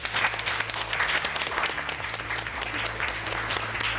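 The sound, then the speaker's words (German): A crowd of children at a live NDR Bücherwurm event claps for themselves, steadily and densely for several seconds, a bright, continuous patter of many hands with no voices standing out. “Lieben Dank, jetzt klatscht einmal für euch selbst.”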